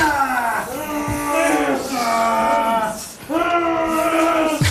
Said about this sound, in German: Dann nach einem unhuren Krampf, das ist Seile ziehen und was ihr da gehört. Das ist Schweizer Mannenteam beim Training. Ab heute sind sie nämlich an der WM in Südafrika im Einsatz.